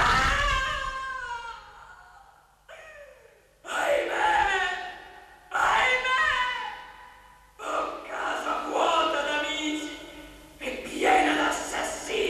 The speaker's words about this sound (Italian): Qualcuno grida nella reggia. Non udite, care? Sì, ho udito. Oh, me infelice. Urla terribili da far rabbrividire.